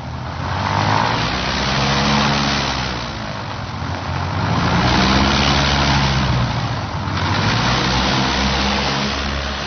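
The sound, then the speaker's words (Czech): A loud, steady airplane engine drone with a deep harmonic hum, swelling and easing in slow waves, heard alone without any voices. “Tohle například je letadlo.”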